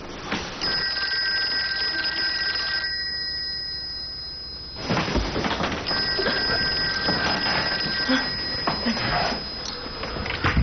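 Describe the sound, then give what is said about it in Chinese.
A telephone rings in two long, insistent bursts separated by a short pause, fairly loud, over a steady background hiss. “喂， 哎，我给你打电话，你太太说你夜里没回来啊。”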